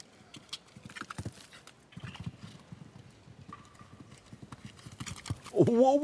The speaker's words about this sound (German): Wow. Da hat aber wirklich die Galoppade lang gemacht hier. Bis zum geht nicht mehr.